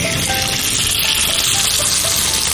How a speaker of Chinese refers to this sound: 现在呢，咱就可以下锅去煎了。